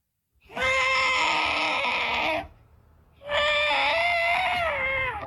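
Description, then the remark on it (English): A voice imitates a distressed elephant with its foot trapped in a hole, calling out for help with two long, loud, brassy trumpeting calls, each held for about two seconds and separated by a short pause, with no speech. “What about an elephant that gets his foot trapped in a hole and he's calling out for help?”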